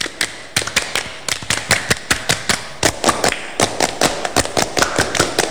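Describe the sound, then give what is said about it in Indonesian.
Sharp, crisp hand claps in a fast, patterned rhythm, a Pramuka scout clap (tepuk pramuka) routine, with quick bursts of claps separated by brief pauses and no voices over them. “kali tepuk pramuka.”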